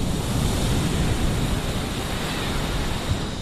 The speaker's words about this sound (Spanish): Bueno, pues vamos a escuchar el sonido de las olas de este mar embravecido hoy, en la costa tropical.